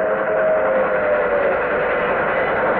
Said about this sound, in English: There's a train coming. It's an old steam train. Gee, I thought everything up here was diesel.